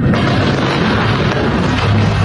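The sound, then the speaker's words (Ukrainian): A loud, deep missile-strike explosion during wartime attacks in Ukraine, its heavy booming rumble and roar filling the whole moment without letting up. No voices can be heard. “Ми вкотре прокидаємось від гучних прильотів.”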